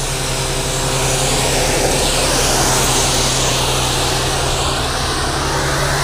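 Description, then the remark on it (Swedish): A vacuum system's suction pump runs with a loud, steady whooshing roar, broad and hissy, over a low constant hum with a faint tonal whine, while its hose is fed into a hole. It holds unchanged throughout, with no voices. “Det susar så förskräckligt när den är på här på backen ännu.”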